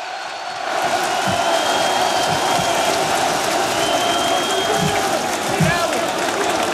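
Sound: crowd applause and cheering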